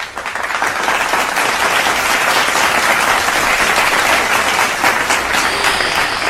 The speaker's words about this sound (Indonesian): Tepuk tangan dulu buat Timnas.